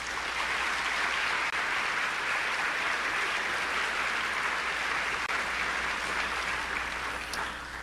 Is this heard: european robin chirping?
no